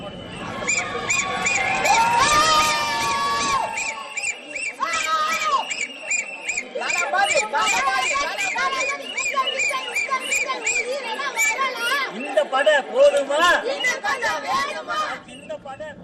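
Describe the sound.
A lively crowd of party workers celebrating on election counting day shouts and cheers over a dense babble of voices, with shrill whistles and chanted calls rising and falling throughout, loud and continuous.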